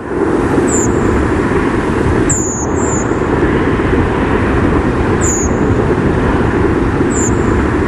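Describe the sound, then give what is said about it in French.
Thin, high-pitched contact calls of several redwings, recorded by an automatic recorder at 21:24, about five brief seeps spaced irregularly, sounding faint above a loud, steady rumble like traffic noise. “Alors cette fois-ci, oui, c'est une grive Movis, enregistrée à 21h24.”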